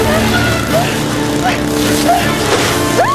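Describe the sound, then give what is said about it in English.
A motorcycle engine roars loudly and steadily as a rider drags a woman caught by a grappling hook through the jungle. Its drone fills the scene, with brief rising whines cutting through and a voice occasionally sounding underneath. “The motorcycle crashes.”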